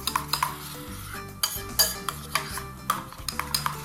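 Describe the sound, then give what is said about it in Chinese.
Food being scraped and poured out of a pan, with a metal utensil clinking and scraping against it in several sharp, irregular strokes, with no talking. “我先把它倒出来，好不好？ 好， 出锅， 出锅。”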